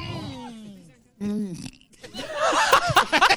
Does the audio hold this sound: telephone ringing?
no